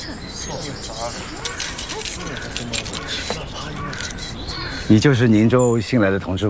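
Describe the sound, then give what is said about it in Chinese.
A bunch of keys jangles as they are handed over to a newly arrived comrade, a bright metallic clinking that rattles on for several seconds, before a voice speaks briefly near the end. “把钥匙给新来的同志。”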